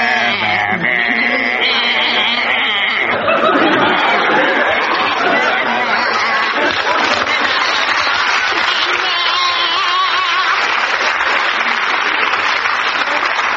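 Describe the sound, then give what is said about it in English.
Two people sing a song entirely in wavering, bleating sheep-like baa sounds, imitating sheep in a musical game round, while a lively audience laughs and claps loudly throughout. “I want you to give them an animal to sing it in. We choose sheep.”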